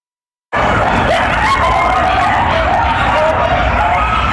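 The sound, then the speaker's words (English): A pack of coyotes at an abandoned construction site in West Hollywood howls and yips together in a dense, continuous chorus of wavering, high cries, cutting in abruptly and staying loud until the end. “We're back with coyotes howling from this abandoned construction site in West Hollywood.”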